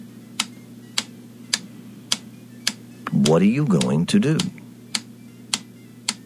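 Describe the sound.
A clock ticks steadily, about two sharp, evenly spaced ticks per second, over a low hum, while a voice briefly speaks partway through.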